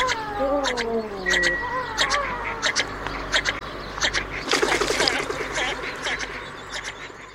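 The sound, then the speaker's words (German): A bird calls with a rapid string of sharp chirps and clicks, mixed with drawn-out, mewing, cat-like whistles, swelling into a dense burst of chatter before tapering off. “Vogel der Woche.”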